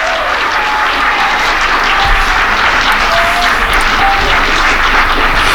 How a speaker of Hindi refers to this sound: तो चलते हैं पहले तालियों की गूंज में नदीम मंसूर साहब को खुश आमदीद वेलकम जी उन्हें कहेंगे।